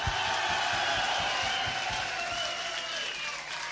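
A large concert crowd claps and cheers steadily as the band's bass guitarist is introduced, a dense wash of applause with scattered whoops, loud and continuous throughout before easing slightly near the end.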